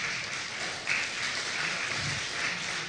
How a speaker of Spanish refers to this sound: ¿Cuántos dicen amén? Dile que está a tu lado, dale un fuerte aplauso, amén.